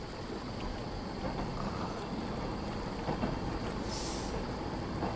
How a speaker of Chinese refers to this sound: 这个时间不该有火车呀。